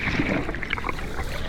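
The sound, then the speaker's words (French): Soft, continuous water sounds like light waves lapping, a steady gentle wash with small bubbling ripples and a very faint low murmur underneath, without any voices. Presented as the sound of the red coral, a sea creature that makes no sound and seems not to move. “J'entends comme de légers bruits de vagues et un très léger murmure.”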